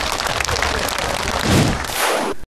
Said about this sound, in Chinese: 非常好啊，对，再给他一个掌声。